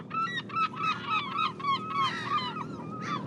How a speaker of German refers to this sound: Jedes Mal, wenn wir an die Stätte eines Kriegsgrabes kommen, folgen uns Möwen. Egal, was man tut, sie sind da. In der Regel in gleicher Zahl wie die verlorene Mannschaft.